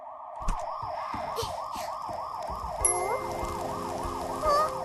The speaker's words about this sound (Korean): 이거 소방차 소린데?